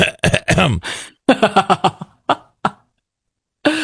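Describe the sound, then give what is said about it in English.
A string of short, forced coughs and throat-clearing noises, fairly loud, trailing off into a few quieter hacks, then a pause before one final cough. A person in a bathroom coughs to signal that it is occupied after someone knocks on the door. “When someone knocks on the bathroom door and you have to let them know it's occupied. Oh, are you cough?”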